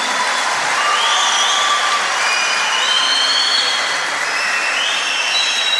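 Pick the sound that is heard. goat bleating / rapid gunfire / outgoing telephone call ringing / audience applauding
audience applauding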